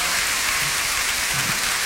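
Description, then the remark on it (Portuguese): Dense, steady applause from a large audience fills the whole stretch, a loud crackling wash of many hands clapping at once with no voices on top, as César Mourão is called to the stage. “Então eu vou chamar a palco, com um enorme aplauso da vossa parte, essa mesma velhota, César Mourão.”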